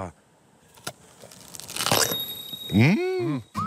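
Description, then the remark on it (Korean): A single crisp crunch of someone biting into a fresh peach, a short crackly burst, followed by a voice making a brief appreciative murmur. “아삭 소리.”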